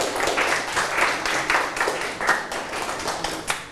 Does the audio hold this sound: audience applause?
yes